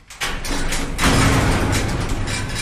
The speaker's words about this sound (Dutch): Groot metalen hek.